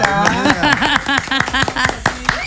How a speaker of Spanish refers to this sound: Eso, aplauso.